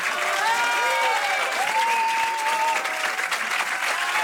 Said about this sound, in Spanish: Y así recibía José Luis Rebordinos, que dirige por última vez el Festival de Cine, una cálida ovación de despedida por parte de la Academia de Cine.